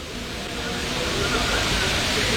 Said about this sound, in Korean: 잠시 이 서울 홍제천의 인공폭포로 가겠습니다.